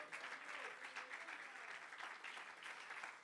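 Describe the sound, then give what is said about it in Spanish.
A church audience claps hands in praise to the Lord, a dense, steady wash of applause holding at an even level for a few seconds, with no clear voices over it. “Dele palmas de alabanza al Señor.”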